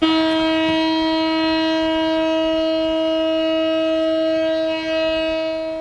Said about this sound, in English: In Tel Aviv, a one-minute siren sounded to mark the somber anniversary.